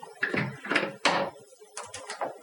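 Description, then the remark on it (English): Dishes clatter and clink in a string of irregular bursts as someone cleans up, a few sharp knocks followed by lighter rattles, moderately loud, with no talking. “I think we've got someone cleaning up here at SCB”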